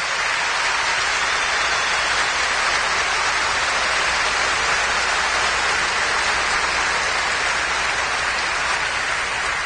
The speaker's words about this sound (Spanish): Tenemos que aplaudir al Señor Jesús, vamos a aplaudir el perdón del Señor.